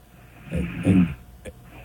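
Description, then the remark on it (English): Two soft, low snores from a sleeping woman follow one after the other, each a short rumbling breath, fairly quiet, followed by a faint click and then near silence. “It turns out she's got a little snore situation.”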